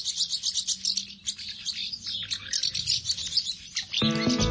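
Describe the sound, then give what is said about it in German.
A busy flock of house martins twittering with rapid, overlapping chirps, moderately loud; a low hum sits beneath, and a brief musical tone cuts in near the end. “Und er hat uns mitgeteilt, die Mehlschwalbe ist Vogel des Jahres 2027.”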